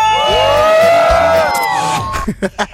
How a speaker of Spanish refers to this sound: Oiga, pero ayúdame a gritar, aquí suena. La que buena, 97.1. ¡Y venga ese grito!